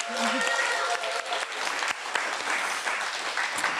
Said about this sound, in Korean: 박수 한번 주실까요? 한번 더.